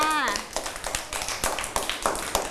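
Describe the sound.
Children clap their hands in a loose, uneven patter of sharp slaps that continue for a couple of seconds, following a brief voice at the start.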